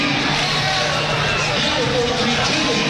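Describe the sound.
A basketball crowd of Central fans chants 'Here we go, Central' together, a dense roar of many voices holding steady and loud throughout with a low sung tone running under the noise.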